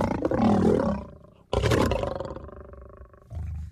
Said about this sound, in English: And as we were looking at the different animals, we came across the lion's cage. And as we walked up to the lion's cage, it started to roar.